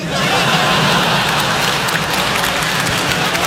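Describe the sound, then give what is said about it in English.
A crowd applauds steadily, with dense overlapping clapping that stays loud and even for a few seconds and never tapers off. “Weird. Weird applause.”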